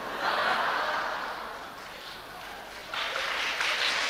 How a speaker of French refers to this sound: Même les hommes applaudissent, ça c'est extraordinaire.